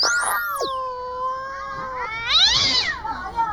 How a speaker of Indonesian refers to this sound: Aduh, kucing siapa sih ini? Ih, berisik kali dari tadi.